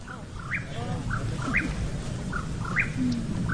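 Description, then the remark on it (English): A Mexican whip-poor-will calls at dusk in the San Bernardino National Forest, repeating its rhythmic, burry call three times at an even pace over a steady low outdoor rumble. “The teens are on the hunt for the Mexican whippoorwill. It's an elusive bird that comes out at dusk and dawn.”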